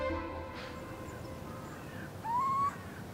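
A single owl call, a short rising tonal hoot, rings out in a barn near the end over a steady low rumble of background noise. Nobody speaks.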